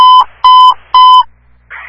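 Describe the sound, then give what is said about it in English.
Three loud, identical electronic fire dispatch alert beeps, each a steady quarter-second tone, sound in an even rhythm, dispatching Company 12 and several engines to an automatic fire alarm on Pleasant Valley Road, followed by a brief burst of faint radio static. “Authority of Company 12, all stations disregard your last tones.”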